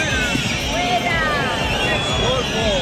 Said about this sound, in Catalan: La megafonía ha tenido que pedir a los asistentes que detuvieran esa pitada.